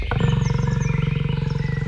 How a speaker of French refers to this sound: Ça ressemble à un bruit très familier comme un meuglement. Nous sommes au milieu d'une grande forêt sauvage à l'est de la Pologne.